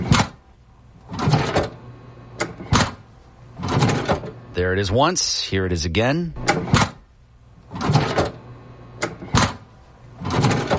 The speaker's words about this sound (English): Is it a cashier's drawer? Cashier's drawer. Yeah.